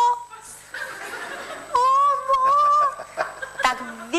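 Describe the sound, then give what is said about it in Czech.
A flock of turkeys gobbling as a herdsman drives them to pasture at 4 a.m. somewhere in Romania. Several loud, warbling calls overlap in bursts with brief pauses between them. “Vyhlídnu, koukám, kde táta tam je, tam bylo milion ptáků, pak jsem si říkala, že to byly krůty, který tam, to bylo někde v Rumunsku, hnal člověk, nějaký pasáček ve 4 hodiny ráno na pastvu, jo.”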